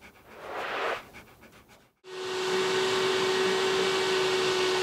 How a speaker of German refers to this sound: Staubsaugen mit der Kraft des Wassers.